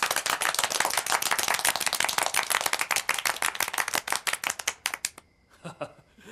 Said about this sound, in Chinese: 现在开会，首先欢迎地空导弹2营4营的同志们。这掌声不那么热烈吧？再欢迎一次。